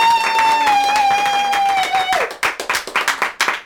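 An audience claps and cheers, with a long steady high-pitched whoop ringing over dense applause before it slides down and fades, leaving brisk, uneven rounds of clapping.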